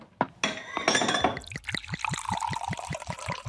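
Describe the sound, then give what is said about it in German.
A few bright glass clinks ring out, then sherry is poured from a bottle with a steady run of rapid glugging gurgles. No one speaks. “Also, erheben wir unsere Gläser auf Greyner Castle.”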